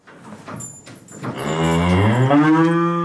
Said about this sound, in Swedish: För en räddningsaktion av två kor avslutades precis i Skellefteå kommun. Ja, det här var två kor som nu har räddats från att ramla ner i en sån här gödselbassäng i Klutmark i Skellefteå kommun.